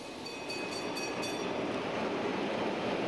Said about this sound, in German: Wenn nun auch die kleine, markante V36406 den Bahnhof Richtung Kranichstein verlassen hat, wird es in Messel wieder ruhig.